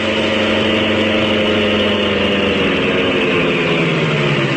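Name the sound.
car engine idling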